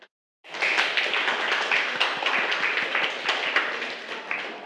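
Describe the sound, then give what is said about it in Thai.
A group of students claps together to thank the makers of an educational video, in a dense, sustained burst of applause, many hands overlapping in a steady crackle for several seconds without any talking. “ค่ะนักเรียนคะเดี๋ยวเรามาขอบคุณสื่อวิดีทัศน์ดีๆเพื่อการศึกษาในวันนี้กันนะคะให้นักเรียนปรบมือขอบคุณนะคะเจ้าของสื่อนะคะ”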